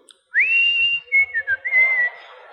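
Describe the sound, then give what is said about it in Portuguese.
Someone whistles a short melodic phrase: a rising note held steadily, then a few quick wavering notes settling on a sustained tone, clear, with no talking. “E ele chega às 5 horas assobiando.”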